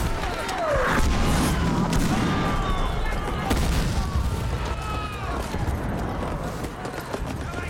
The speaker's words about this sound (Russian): Падают и взрываются снаряды.